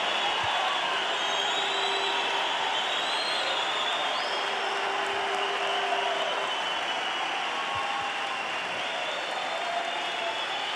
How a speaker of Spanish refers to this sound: Aplauden al rey, aplauden a la palabra de Dios.